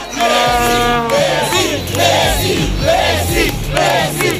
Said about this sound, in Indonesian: ratusan pendukung memadati jalanan di pusat kota pada Rabu waktu setempat. Mereka berkumpul di Monumen Obelix untuk menyanyikan lagu ulang tahun dan memberikan penghormatan kepada Lionel Messi yang kini tengah berjuang di Piala Dunia.